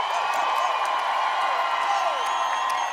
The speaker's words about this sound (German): Kann ich bitte einen riesengroßen Applaus haben